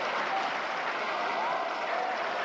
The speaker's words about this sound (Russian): Зал аплодирует стоя. К сцене летят цветы. Премьера прошла с огромным успехом.